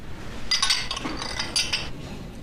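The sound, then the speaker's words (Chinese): Several glasses clink together in a toast, bright ringing chinks in two bursts around the middle, over a low murmur with no clear speech. “届时，我会大家举行一次盛大的授勋仪式。干杯！ 干杯！ 干杯！干杯！”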